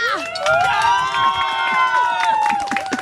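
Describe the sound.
An audience claps steadily while voices cheer in long, rising whoops that hold high for a few seconds, loud and lively throughout.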